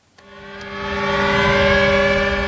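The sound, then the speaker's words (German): A steady air-raid siren wails outdoors over the Westerplatte in Gdańsk, Poland, at the annual memorial of Germany's invasion on 1 September 1939, starting abruptly and swelling to a loud, sustained, droning tone with layered harmonics, heard alone without any talking. “Mit Sirenen über der Westerplatte erinnert Polen jedes Jahr an den Überfall Deutschlands am 1. September 1939, an den Ausbruch des Zweiten Weltkriegs, so wie heute.”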